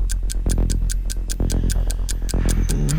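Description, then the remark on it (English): A quiz countdown timer clock ticks steadily and fast, sharp regular ticks about four per second over a low pulsing musical bed, with no voices. “Stop the clock.”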